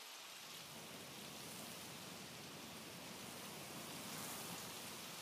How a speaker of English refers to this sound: It's finally raining after months.